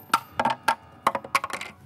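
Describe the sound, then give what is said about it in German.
Small coins rattle and clink inside a container in a shop as it is shaken to get them out, a quick irregular burst of sharp metallic taps, fairly loud, with no voices. “Ich glaube, mein Lütte hat hier irgendwie Kleingeld reingeschmissen. Muss noch rauskriegen.”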